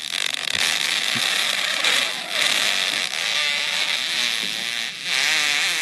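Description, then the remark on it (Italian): A loud, continuous fart rasps on without pause, a buzzy, sputtering drone whose pitch wavers up and down, with brief dips in loudness and no voices. “Un uomo entra nella storia con la scoreggia più lunga della storia dell'umanità, 40 secondi di scorreggia.”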